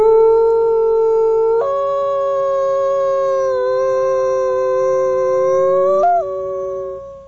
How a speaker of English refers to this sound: You know, I think we actually have a recording of a gray wolf howl. Let's hear it.